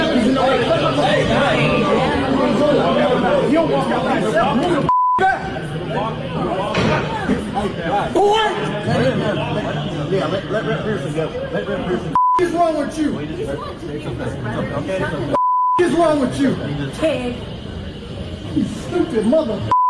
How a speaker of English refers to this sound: They were getting into it because of everything going on. The state troopers are there trying to keep the peace, so to speak. And he decided this is how he was going to act to them. And yes, it is bleeped.